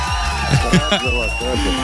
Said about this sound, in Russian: Эти аплодисменты для тебя, это была победа еще раз.